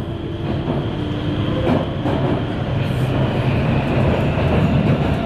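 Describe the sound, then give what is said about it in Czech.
A Prague metro train rumbles steadily through a tunnel, a loud continuous low roar with faint rhythmic wheel clatter and occasional soft metallic squeaks, without any voices. “Jet metrem z centra Prahy na Jižák je jako přeskočit z jednoho filmu do druhého.”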